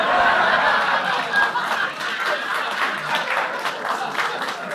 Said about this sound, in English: And you applaud.